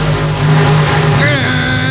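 A monster truck engine revs loudly, its deep roar climbing in pitch partway through a short, continuous burst of throaty, rumbling power.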